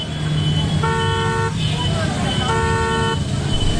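Car horns honk twice in long, steady blasts over the dense rumble of a severe traffic jam, with engines idling and vehicles crawling.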